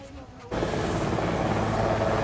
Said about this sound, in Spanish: El presidente llegaba en helicóptero, entre los reproches de vecinos que también le esperaban a las puertas de la Asamblea.